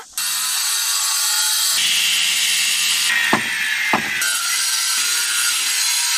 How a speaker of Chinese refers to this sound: 经过两个小时的切割、敲打与反复打磨，这块子母石终于接近了可作画的理想形状。